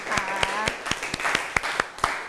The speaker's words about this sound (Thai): มันคือ โครโมโซม นั่นเองเอาปรบมือให้ตัวเอง